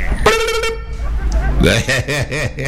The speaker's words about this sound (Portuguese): E eu, a buzina do meu carro, muito regateira, a buzina mais regateira que existe é a buzina do meu carro.